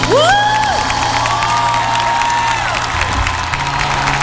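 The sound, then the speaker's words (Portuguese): A crowd bursts into a loud, steady round of applause for Jesus, with cheering, high whoops and shouts rising over the clapping throughout, no speech, sustained at full volume. “E você que ofertou tudo, dê uma forte salva de palmas a Jesus.”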